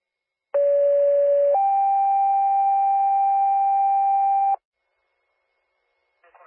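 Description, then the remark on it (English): A loud two-tone fire dispatch page at 10:25 sending City of Burlington Fire and Rescue to a CO alarm call: a steady lower tone for about a second, then a slightly higher sustained tone lasting three seconds, stopping abruptly before faint radio noise returns. “Time and tones is 1025.”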